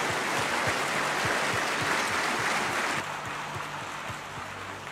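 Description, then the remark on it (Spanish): An audience claps together for the King in a dense, steady wash of applause, with faint low thumps beneath it. The clapping stays loud throughout and eases only slightly toward the end, with no voices heard. “Vamos, aplausos al Rey.”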